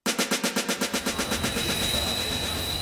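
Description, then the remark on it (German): A train rushes past at Anhalter Bahnhof in Berlin, its wheels clattering in a quick, steady rhythm that blurs into a loud, continuous roar with a faint high whine. No one speaks. “Anhalter Bahnhof, Berlin.”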